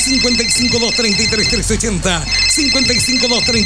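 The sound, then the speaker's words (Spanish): The phone line of the radio station Radio Alegría del Transporte rings with a steady, high electronic tone that continues throughout, mixed under an animated voice with music-like, sing-song inflections. “El teléfono está activado.”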